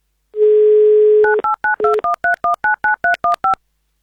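A telephone number is dialed: a steady dial tone hums for about a second, then roughly a dozen short touch-tone beeps follow in a quick, even rhythm, each at a slightly different pitch.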